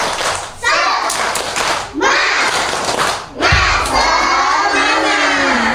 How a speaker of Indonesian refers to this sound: Tepuk semangat dulu yuk. Datang semangat, tepuk semangat.